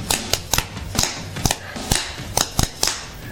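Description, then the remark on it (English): A surf stomp beat played on a snare drum: about ten sharp, cracking hits in a loping rhythm, several landing as quick doubled flam strokes, with no voices. “And I can show you, you know, a surf stomp is like a flam thing.”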